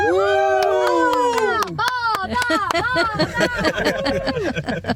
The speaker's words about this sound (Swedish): Men kan vi inte jubla lite grann tillsammans så man hör att det här är en badbil på väg?